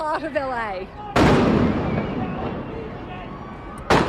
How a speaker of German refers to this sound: Bei einer Demonstration in Los Angeles wird diese Reporterin aus Australien vor laufender Kamera mit Gummimunition von Ordnungskräften angeschossen.